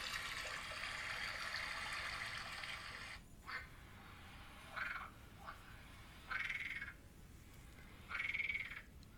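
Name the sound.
frogs croaking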